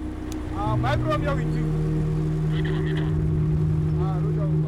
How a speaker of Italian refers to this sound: Quando la strada è libera e sicura, il traffico riprende a muoversi.